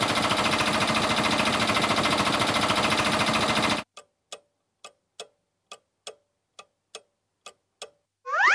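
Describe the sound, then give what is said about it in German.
A fire brigade's portable power generator, carried to supply its equipment with power anywhere, runs with a loud, steady droning roar for about four seconds, then cuts off abruptly. Evenly spaced ticking clicks follow, ending with a rising whooshing sweep. “Ja, das ist ein Generator, den die Feuerwehr dabei hat, um ihre Geräte überall mit Strom versorgen zu können.”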